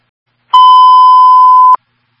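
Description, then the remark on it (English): A single steady radio dispatch tone, Signal 20 transmitted for a CO alarm call at 6 Bly Road, a loud, clean beep holding one pitch for just over a second, starting and ending with a faint click, with silence on either side and no voices. “Signal 20 being transmitted for the CO alarm.”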